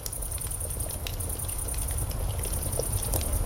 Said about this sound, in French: Écoutez, c'est le soir, vous êtes assis autour d'un feu de camp. Un léger glouglou régulier, chaleureux, rassurant. C'est une cocotte qui mijote sur un feu qui crépite.